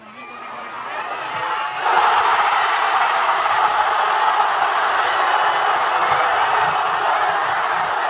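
A large crowd in Madrid murmurs, then abruptly erupts into a loud, sustained roar of cheering and screaming that holds steady for several seconds, as striker Ferran Torres puts Spain ahead in extra time; people throw drinks, jump and sing.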